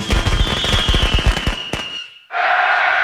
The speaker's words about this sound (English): Let Guerrilla Fireworks light up the sky on your 4th of July.